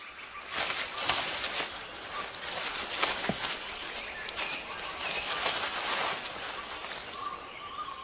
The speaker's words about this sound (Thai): ที่นี่คือป่าดิบฝนบนเกาะสุมาตรา